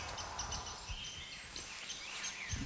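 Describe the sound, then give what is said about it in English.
A rose-breasted grosbeak sings a faint, rambling warble of sweet phrases over a steady outdoor background hiss with occasional low rumbles. “Oh, there's a rose-breasted grosbeak singing.”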